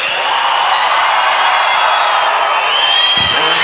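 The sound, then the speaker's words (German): A large crowd screams and cheers nonstop at full volume, a dense wall of noise with shrill, high-pitched shrieks rising and falling through it. No one speaks. “Komm, schreit aber alle jetzt richtig ab.”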